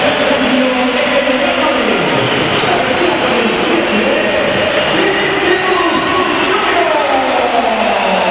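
A large stadium crowd at a Real Madrid match reacts loudly as Vinicius is substituted for Carreras in the 86th minute, with a dense, continuous roar and scattered whistling that fills the space for several seconds without letting up.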